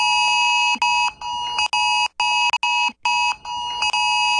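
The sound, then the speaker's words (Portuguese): A loud, piercing phone extreme alert tone blares continuously, its harsh buzzing chord cut by brief gaps into an insistent pulsing rhythm, with no voices; a fake extreme alert sent by a hacker attack to more than 30 million mobile phones in 8 states. “No último sábado, um ataque hacker foi responsável por enviar mensagens falsas de alerta extremo para mais de 30 milhões de celulares em 8 estados do país.”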